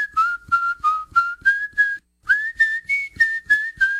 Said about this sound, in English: What's happy sound like? Y'all come say hello to …